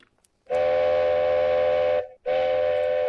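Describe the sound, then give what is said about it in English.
A loud train horn sounds twice as the Indian Pacific passenger train arrives early into Broken Hill in the morning: a long sustained blast of about a second and a half, a brief gap, then a second blast. Steady and harmonic, with no talking. “There we go, two toots.”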